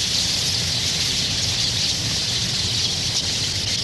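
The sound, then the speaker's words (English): A dense, continuous chorus of swallows calling on Goose Island in autumn, countless high twittering chirps blending into a steady wash of chatter with no pauses and no talking. “Soon, all of Goose Island's swallows will disappear below the southern horizon for the winter.”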